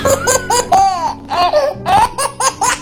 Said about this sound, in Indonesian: Dengarlah suara bayi Papua, suara bayi Kalimantan, suara bayi Sulawesi, suara bayi Jawa,